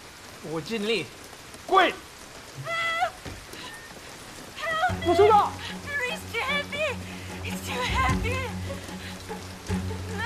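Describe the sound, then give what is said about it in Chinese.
Steady rain patters on a hard surface throughout, a soft constant hiss beneath, while voices and high, wavering calls rise over it and a low hum joins midway. “以后啊，像这样的下雨天，这个千万不要送油来了，太危险了。”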